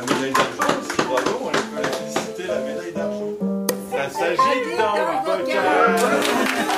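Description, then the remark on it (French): A small group at the Ferme de la Marmotte in the Bauges claps in quick, uneven bursts while voices call out "bravo" and cheer over the applause, which keeps going at a steady, moderate loudness throughout. “On fait un petit applaudissement comme d'habitude.”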